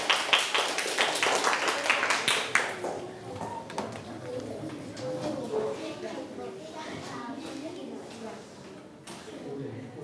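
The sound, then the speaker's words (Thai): Students in a classroom clap for a classmate in a quick, scattered burst for a couple of seconds, fairly loud, then the clapping stops and voices talk in the background. “เก่งมากเลยครับปรบมือให้เพื่อนหน่อยครับ”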